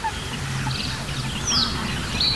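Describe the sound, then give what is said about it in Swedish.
Harsh, rasping barking calls of a great crested grebe carry across a busy wetland, with other birds chirping thinly above and a steady low murmur of background sound. “Men vi hör en ny art faktiskt, skäggdopping. Ja, just det. Ja, lite sträva. Precis, skällandet.”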